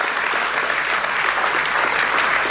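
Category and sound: crowd, audience applause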